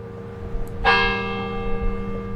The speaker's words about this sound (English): If it could be said that the University of Alabama's campus has a voice, it would be Denny Chimes. The days and nights of this institution have been marked by the sound of Denny Chimes' bells since the brick and limestone tower was completed in 1929.